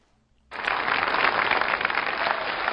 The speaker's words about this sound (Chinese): 哎呀，春节好，这个朋友们一鼓掌啊，我明白什么意思，发现我越长越漂亮是吧？谢谢谢谢啊。